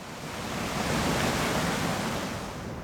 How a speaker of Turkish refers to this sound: Akmaya devam ettikçe baraj vadi boyunca uzanan kükreyen öfkeli bir nehir meydana getirdi.